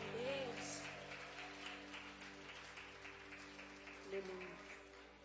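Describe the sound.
Steady applause from a crowd for several seconds, a dense patter of many hands clapping, with a low sustained hum and faint voices underneath, welcoming the worship group.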